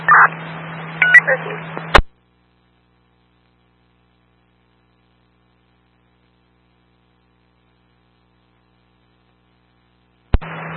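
A quick run of electronic keypad beeps as a phone number ending in 9575 is punched in, over a low steady hum. The line then goes silent for several seconds before the hum briefly returns.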